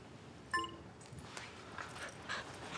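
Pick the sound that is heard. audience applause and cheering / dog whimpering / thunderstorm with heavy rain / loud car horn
dog whimpering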